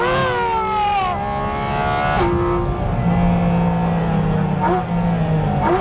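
A 718 Cayman GT4 RS sports car engine revs hard on a public road, its harmonic whine rising and falling through quick gear changes, a loud, continuous roar with sharp pitch sweeps as it accelerates.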